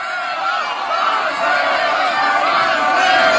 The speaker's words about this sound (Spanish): se trasladaron caminando al Ángel de la Independencia, donde al igual que en el Fan Fest se desató una explosión de emociones, cánticos y el ondear de banderas amarillas que se entrelazaban con las mexicanas.